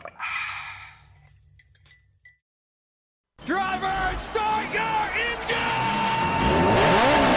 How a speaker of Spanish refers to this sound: Encienden los motores. Daniel Cortés y Henry Díaz aprietan el acelerador a fondo.